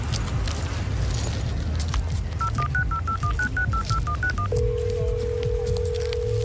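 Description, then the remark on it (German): A quick run of about a dozen short beeping keypad tones from a mobile phone dialing a clinic, followed by a steady ringback tone, all over a loud, rumbling background noise. “Sarah in der Klinik anzurufen und sie noch einmal über Madame Medusa auszufragen. Wie gut, dass es Handys gibt.”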